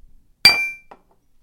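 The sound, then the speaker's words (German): A single bright clink of glasses knocking together in a toast, sharp and ringing with a short metallic decay, heard on its own with no talking. “Noch ein Frustlöser? Gib her. Prost.”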